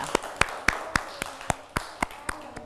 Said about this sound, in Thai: เก่งมากค่ะปรบมือให้ตัวเองด้วยค่ะ